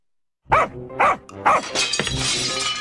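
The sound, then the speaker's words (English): Three sharp dog barks ring out, followed by a bright, crashing burst of a front window's glass breaking that sprays and tinkles on for a moment afterward. “Well, somebody broke the front window.”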